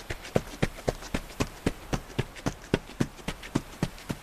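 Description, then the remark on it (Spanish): Quick, steady running footsteps, about four strides per second, each a crisp thud on a hard surface, fairly loud with no voices. “Venga, vámonos corriendo que tenemos muy poquito tiempo.”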